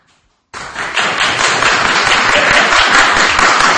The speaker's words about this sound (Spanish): A ver, lo que quiero es que reventéis el aplausómetro, si sí o si no. A ver. ¿Quién, si quiere, tiene que aplaudir que vuelva José Mourinho?